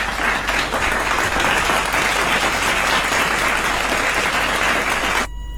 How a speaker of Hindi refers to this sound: जोरदार तालियां बन सकी है ना आप सभी के लिए।